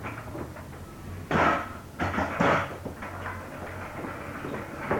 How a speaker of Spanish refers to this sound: Cierren la puerta.